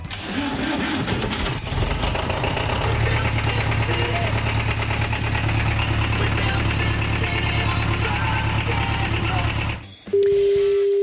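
A tractor engine runs loud with a steady, knocking rumble for about ten seconds, then cuts off abruptly into a brief electronic tone.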